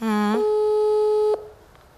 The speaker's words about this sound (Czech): Vyzvánění pořád stále.